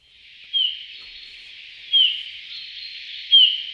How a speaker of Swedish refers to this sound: Ja, det där är en domherre skulle jag säga. Men jag skulle inte kalla det för sång utan för ett lockläte. Och det var i alla fall lockläte då med långsamt modulerad vissling.